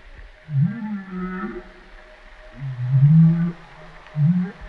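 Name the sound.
whale vocalization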